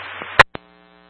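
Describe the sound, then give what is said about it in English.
Radio static: a steady electrical hum with a loud, harsh crackling burst partway through, then a quick second click before the buzzing tone carries on. No one speaks. “Oh, static, I could have got.”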